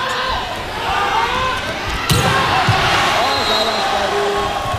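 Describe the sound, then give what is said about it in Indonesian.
A single sharp, loud ball smack of a volleyball crossing spike that goes far outside the court cuts through steady crowd noise, with the crowd roaring louder just after the hit. “Pukulan atau spike crossing dari Hayun Muhammad terlampau jauh meninggalkan lapangan pertandingan”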